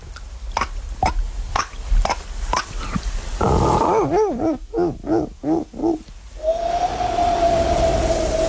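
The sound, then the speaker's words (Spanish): A voice imitates a dolphin: a quick series of sharp clicks, then a run of rising-and-falling squeaky chirps, ending in a long, steady high whistle. “Mira, joder, el mar y todo, te puedo hacer un delfín.”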